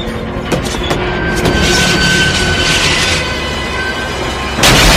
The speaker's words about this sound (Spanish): Se apartan del lugar al mismo tiempo que los contenedores chocan entre sí.